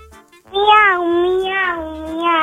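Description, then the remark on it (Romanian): A child's voice imitates a cat, drawing out one long meow that wavers slightly in pitch and holds steady for about two seconds after a short quiet start. “Poți să imiți o pisică.”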